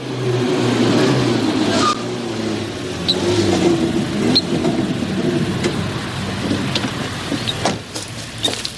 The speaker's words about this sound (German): Ein Auto kommt!